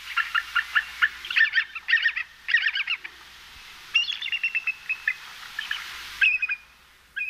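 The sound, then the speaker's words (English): A bald eagle's high, thin chittering call, several rapid bursts of piping, staccato notes with short pauses between them, heard clearly with no voices. “And here is our avian national emblem, the bald eagle.”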